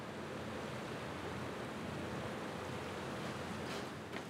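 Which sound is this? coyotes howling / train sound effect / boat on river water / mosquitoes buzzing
boat on river water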